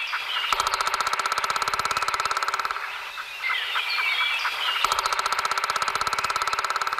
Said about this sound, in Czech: Tady tohohle ptáčka my s kamarády jistě poznáme. Tak pozor, holky a kluci. 3, 2, 1. Datel.